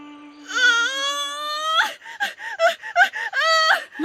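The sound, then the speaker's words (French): A pregnant woman in labor on the island of Cozumel lets out a long, loud, high-pitched wail of pain, then breaks into a series of short, strained cries and gasping sobs before another drawn-out moan. “Non, ne crie pas comme ça, ma jolie, tu stresses tout le monde. Tout le monde a mal ici, tu vois?”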